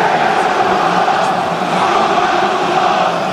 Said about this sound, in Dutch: Terwijl het publiek weer zingt. Komen wij uit Rotterdam. Kun je dat niet horen dan?